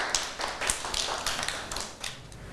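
A group of children clap together, a quick, uneven patter of sharp, bright claps that runs steadily for a couple of seconds with no voices over it.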